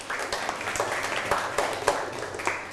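A class of children applauds a classmate who gave a correct answer, many overlapping hand claps forming a dense, steady crackle at moderate loudness for a few seconds, with no one speaking over it.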